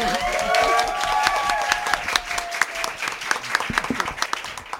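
An audience at a gathering in Quebrada del Ají applauds a speaker being introduced. The applause is a dense wash of many hands clapping at once, steady at first and then thinning into scattered, individual claps toward the end, with a few faint cheers mixed in.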